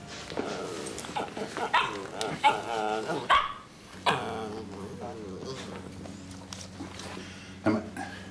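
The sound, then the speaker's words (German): A dog barks and yelps in a burst of short calls over the first few seconds, then things settle into a steady low hum with an occasional faint sound. “Warum hast du den Hund denn jetzt wieder hier?”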